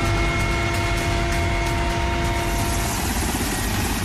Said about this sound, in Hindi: कठिन से कठिन हालात में जिंदगी बचाने वाला भारतीय वायुसेना का MI-17 हेलीकॉप्टर जिसके जरिए अब की दावा है कि नीट की दोबारा होने वाली परीक्षा में पेपर पहुंचाया जाएगा।